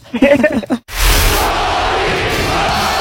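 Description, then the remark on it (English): A Russian crowd chants an American's name in a few rhythmic syllables, then the chant breaks into a loud, sustained roar of cheering that holds steady to the end. “The Russian crowd chanting the American's name in the 1980s.”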